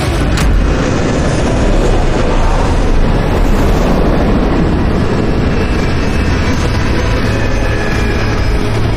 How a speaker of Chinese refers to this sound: 哟，你这么大胆，现在还敢落？ 这不是咱们陆航的飞机吗？ 货运部的。